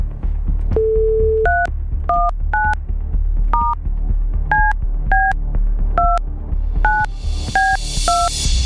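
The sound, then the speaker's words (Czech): A short steady dial tone, then about a dozen quick two-pitch touch-tone beeps as Rádio Blaník presenters key in a listener's phone number to call them, each beep clear and evenly spaced over a low hum, ending in a burst of hiss. “Výborně, zvoníme, to je dobrá zpráva.”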